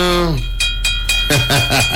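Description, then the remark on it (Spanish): A phone alarm ringtone plays: a tone slides downward, a few sharp bursts hit, then a quick repeating warble pulses over a steady high-pitched whine, fairly loud throughout. “Así suena mi alarma.”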